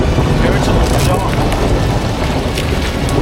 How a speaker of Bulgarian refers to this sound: Ако не харесвате лошото време, подобни занимания може и да не са за вас, но аз честно да ви кажа, този дъжд е освежаващ.